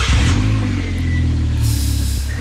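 A motorcycle engine rumbles loudly, its deep droning note rising and settling slightly as it revs, steady throughout with no voices.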